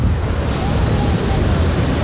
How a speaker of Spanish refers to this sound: El sonido de las olas rodeando tus pies, mezclado con un buen sol, hacen que la experiencia en la playa sea perfecta.